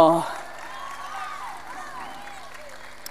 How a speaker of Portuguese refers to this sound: Um forte aplauso para a equipa técnica que está ali embaixo e aqui em cima, para eles um forte aplauso!